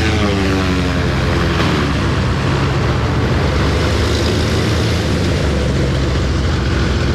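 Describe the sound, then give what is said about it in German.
A propeller plane that has just landed roars loudly and steadily, its propellers still spinning very fast, producing a dense, droning hum with harmonic tones that shift slightly as it rolls in. “Jetzt landet er gerade hier und die Propeller drehen sich noch sehr, sehr schnell.”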